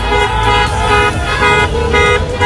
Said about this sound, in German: Autokorsos, jubelnde Menschen.